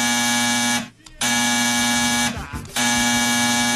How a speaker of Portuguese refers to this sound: O telefone tocou.